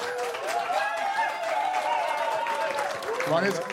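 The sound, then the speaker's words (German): A live audience at the MDR Kultur stage, broadcast live on radio, claps loudly and steadily in a dense wash of applause, with voices calling out and cheering over the clapping throughout. “Also wenn Sie jetzt laut klatschen und später bei ARD Sounds nachhören, dann hören Sie Ihr Klatschen.”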